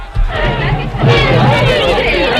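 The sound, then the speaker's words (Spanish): A studio audience on the set of Canal Bahía Televisión clamors all at once, a loud, dense wall of overlapping voices and excited shouting that swells and keeps going without a break. “Bueno, querido público de Canal Bahía Televisión, que nos veis desde vuestras casas o los que estáis aquí en el plató. Un momento de calma, por favor.”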